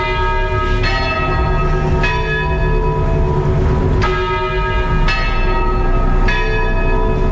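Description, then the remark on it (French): Church bells ring loudly, with fresh strikes every second or so over a continuous wash of overlapping, humming tones, heard just behind the basilica in the centre of Beaune, France. No one speaks. “Accueille avec le son des cloches.”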